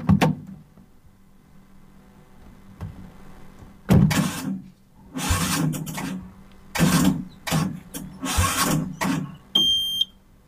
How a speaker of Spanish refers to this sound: ¿Qué le pasa a este auto que no arranca?